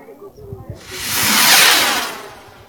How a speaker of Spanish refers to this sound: Ah, bueno, sí, son los cohetes. Son los cohetes. Qué alegría, queridos hermanos.